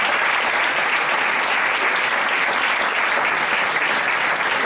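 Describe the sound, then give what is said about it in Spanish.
Steady, dense audience applause at an event in Leganés, welcoming the director of Westfield Park Sur, fills the whole stretch, a continuous crackle of many hands clapping at an even loudness without a break or any voices standing out. “Un aplauso.”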